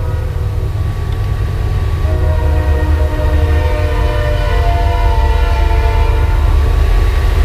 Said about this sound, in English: Yeah, there goes a train.